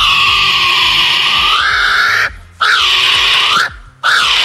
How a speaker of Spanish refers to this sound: El primero es un pájaro y el segundo es de Jurassic Park.